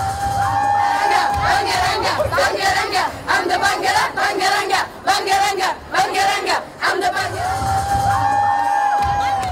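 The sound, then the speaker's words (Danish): A large, loud crowd of children cheers and shouts at Sofia Airport, Bulgaria, in the evening, welcoming home a 27-year-old singer who won with her song, breaking into rhythmic chanting bursts in the middle before settling back into continuous excited yelling, with high young voices prominent throughout. “Ja, de var samlet, ungerne, alle Bulgariens børn i næsten i Sofia Lufthavn, og i aften er der så fest i hovedstaden.”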